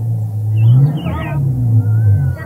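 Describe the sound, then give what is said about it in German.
A vehicle engine rumbles as the vehicle turns around and drives back to a village, its low drone rising as it revs and pulls away, with a faint high squeal drifting above. No one speaks. “Er wendet sein Fahrzeug und fährt ins Dorf zurück.”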